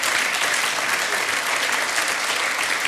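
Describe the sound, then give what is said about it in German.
An audience claps steadily for a few seconds for a jacket made from a scrapyard airbag, a dense, even wash of many hands applauding at a fairly loud, constant level with no voices standing out. “Ich finde die wunderschön, das ist doch ein Applaus wert, oder?”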